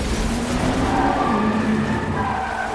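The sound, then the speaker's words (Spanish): Tires squeal and skid as a van pulls out and Natasha and Yelena swerve hard into an alley during a chase, a sustained screech over rumbling engines, loud throughout with no voices. “Una furgoneta sale y Natasha y Yelena se desvían por un callejón.”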